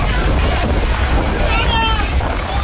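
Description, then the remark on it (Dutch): Storm winds roar steadily at a stadium in a sudden storm that knocks over fences and sends sheets flying across the street, a loud, constant rumbling gust with blustery buffeting, while faint voices and a few high whistling tones come through underneath. “Noodweer barst los bij het stadion.”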